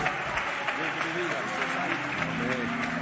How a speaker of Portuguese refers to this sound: Recebamos o servo de Deus com palmas bem forte, bem alegre para Cristo.